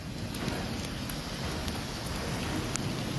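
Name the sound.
heavy pouring rain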